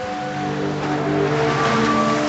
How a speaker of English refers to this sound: Okay, now that's kind of nice when the water comes over it. Yeah. That sounds like aliens.